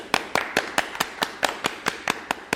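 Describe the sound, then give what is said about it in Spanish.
Brief applause for a musician guest on the program Cuero y Metal: about a dozen crisp, sharp claps at a steady, quick rhythm, moderately loud, with no voices over them. “Un aplauso.”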